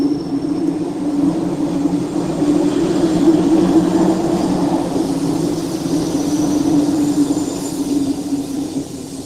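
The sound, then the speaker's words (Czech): A passenger train, the Šumavská střela, runs steadily, its continuous low rumble and droning hum holding an even loudness throughout, with a faint hiss above and no voices. “Velmi rád jsem tudy jezdil s tím vlakem,”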